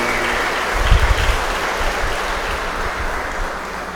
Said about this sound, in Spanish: Regalémosle un fuerte aplauso, bendiciones.